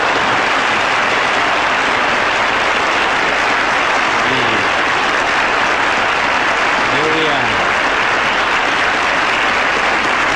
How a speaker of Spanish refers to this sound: yo quisiera que ustedes me brinden un aplauso para la gente que está detrás de cámara.